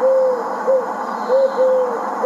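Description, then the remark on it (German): An eagle owl hoots four times in an uneven series, the low calls standing out clearly over a steady, hissy background, with no one speaking. “Lieber Uhu, warum bin ich so hässlich?”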